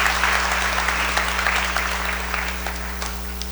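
A crowd claps steadily for several seconds, a dense patter of many hands at even loudness that eases slightly toward the end, with a low steady hum underneath.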